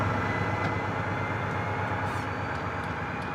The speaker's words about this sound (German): Ihm geht's um die Diesellok aus den 70er Jahren, die den Pilgerzug zieht. Die Wagen stammen sogar aus den 50er Jahren. Der Zug wurde extra für die Wallfahrt zusammengestellt.